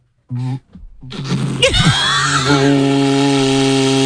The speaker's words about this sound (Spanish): Es un cuerno. Es un cuerno de buey, que esto lo hacen artesanos en Euskadi, y fíjate, está grabado y todo. Y esto se toca, pues lo típico que te dicen, no soples, que se pone así, se vibran los labios, a ver si...